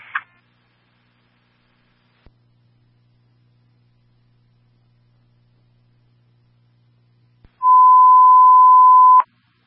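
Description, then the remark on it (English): A brief chirp, then a faint low hum, before a loud, steady radio alert tone sounds for nearly two seconds and cuts off sharply: a fire dispatch Signal 20 transmitted for a fire alarm at Amazon, One Messing Drive, for Half Moon Truck 4 and Rescue 11. No one speaks. “Signal 20 being transmitted for the fire alarm at Amazon, One Messing Drive, holding Rescue 11 and Half Moon Truck 4 at 352.”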